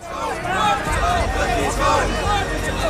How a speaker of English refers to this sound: Chanting slogans and waving placards, they're making their way to the Supreme Court, where they want to submit a petition about the removal of millions of names from voter lists.